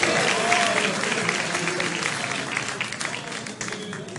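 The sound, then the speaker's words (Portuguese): An audience applauds together for Jesus, a dense, steady wash of clapping that stays loud for several seconds and eases slightly toward the end, with indistinct voices mixed in. “palmas para Jesus.”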